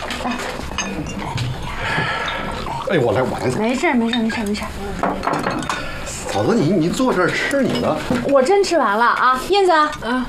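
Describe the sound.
Bowls and chopsticks clink and clatter as they're set on a table for a visiting guest at a family meal, light knocks scattered under steady, overlapping conversation from several people.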